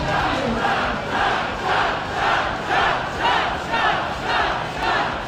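A large crowd chants "shots, shots, shots" in loud, steady unison, each shout landing about twice per second over a dense roar of voices.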